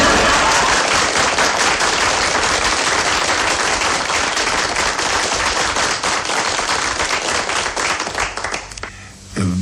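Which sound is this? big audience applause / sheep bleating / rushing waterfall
big audience applause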